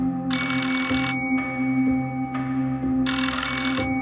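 An old-style telephone rings in the Silva Pais house on Rua de Moçambique at 3:56 a.m. on 25 April 1974, a call from the Army minister, General Andrade Silva. Two bursts of bright metallic bell clatter, separated by a pause, over a steady low hum.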